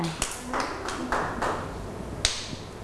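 A handful of scattered, uneven hand claps from a group of children, sharp and fairly close, over a faint room murmur with a brief hint of a voice at the start.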